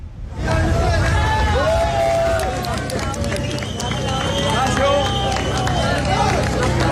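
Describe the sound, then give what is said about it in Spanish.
A large crowd outdoors in La Guaira claps and cheers loudly and continuously for the rescue teams after a person was pulled out nearly eight days after a catastrophe, with rapid overlapping applause, whoops and shouting voices. “Aplausos, ovación a todos los equipos que han seguido muy de cerca la situación”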